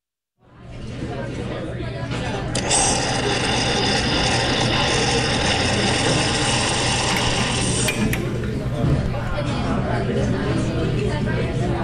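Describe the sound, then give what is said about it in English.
An espresso machine runs steadily in a cafe at 6:45 in the morning, a low mechanical hum under a bright, whining hiss that swells for several seconds in the middle, with a murmur of indistinct chatter throughout. “Cozy atmosphere and the sound of the espresso machine greeting us at 6:45 today, as it does every weekday morning at this time for Classical King's Morning Shot of Espresso, a moment when we stop off at the cafe and get a little musical pick-me-up”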